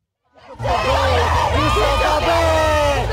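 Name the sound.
protesters screaming slogans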